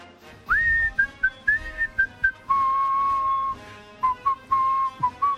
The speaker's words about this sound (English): My father used to whistle this. He was an amazing whistler.